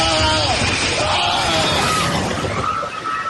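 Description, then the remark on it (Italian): A loud, deep roaring rumble with crashing debris from a magnitude 7.4 earthquake in Colombia, as several people scream and shout in panic over it, continuous throughout. “Un boato e poi le grida.”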